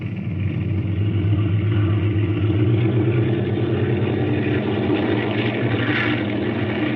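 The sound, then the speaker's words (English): A loud, steady engine roar with a deep, throbbing low end and rushing noise above, sustained for the whole stretch as aircraft engines run at full power while a flight of planes takes off from runway 28 at 30-second intervals in a 15-mile west wind, with no talking. “looks like the motors are going to run okay.”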